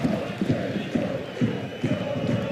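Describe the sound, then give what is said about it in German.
A dense stadium crowd at a Köln football match roars and applauds after the centre-back Eberle clears the ball, the noise swelling in rhythmic surges roughly twice a second, loud and continuous throughout with no distinct voices standing out. “Dann kommt der Applaus, der Innenverteidiger.”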